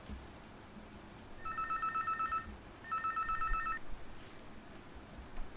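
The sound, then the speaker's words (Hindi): Two bursts of an electronic phone ringback tone as a radio song-request show calls its next caller in Najibabad, each lasting about a second with a short gap between, heard through a muffled line over low background hiss. No one speaks. “करिएगा फोन जो नंबर हमने आपको बताया है। तो चलिए देखते हैं हमारे अगले कॉलर”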